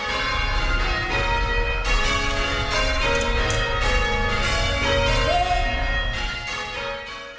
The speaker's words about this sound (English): Christchurch is marking 90 years of bell ringing this month.